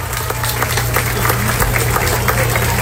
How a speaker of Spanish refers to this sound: Un aplauso para todos ellos, muchas gracias. A todo el personal del DIS.